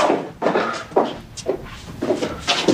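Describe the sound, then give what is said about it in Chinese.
A door is opened, with a series of short wooden bumps and rattles spaced roughly every half second, moderately loud. “我开门去啊。”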